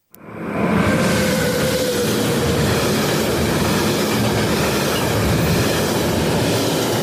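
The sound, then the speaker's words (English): A train runs through Yass, rumbling steadily along the tracks with a loud continuous roar of wheels and carriages. Faint metallic squeals rise over it, and no one speaks. “Yes, there is a train that runs through Yass.”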